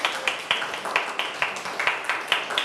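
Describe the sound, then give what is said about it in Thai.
A class claps their hands for group 4, the group that won the game, a steady run of sharp, bright claps blending into a dense patter that keeps an even level throughout, with no voices over it. “สรุปคะแนนตอนนี้กลุ่มไหนชนะกลุ่มที่4สุดยอดมากๆเลยขอเสียงปรบมือดังๆให้กลุ่มที่4ด้วยนะคะ”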